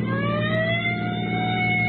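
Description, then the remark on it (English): A sheriff's police car siren wails loudly while chasing a car with Oklahoma plates, its tone sliding steadily upward over a continuous low engine rumble, with no voices. “Give him the siren now.”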